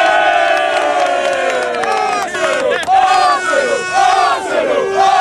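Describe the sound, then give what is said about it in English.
A large crowd of Arsenal football supporters waving flags chants and cheers loudly in unison, the day after their team lost the Champions League final, the massed voices rising and falling in a sing-song rhythm without a break for several seconds. “They'd lost the Champions League final to Paris Saint-Germain the previous day, but it hasn't knocked the confidence of Arsenal supporters for next season.”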